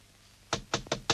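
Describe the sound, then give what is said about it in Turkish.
Four firm knocks on a door in a steady, slightly uneven rhythm, fairly loud, following a short stretch of quiet room tone. “aç kapıyı!”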